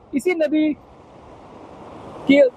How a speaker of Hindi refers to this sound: तस्वीरों में आपको दिखाना चाहता हूं किस तरह से उफान पे है राजौरी की ये मनोवर नदी। ये वही नदी है जिस नदी ने कहर मचाया था और कई लोगों को बेघर किया था।